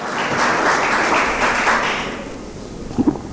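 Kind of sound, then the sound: crowd, audience applause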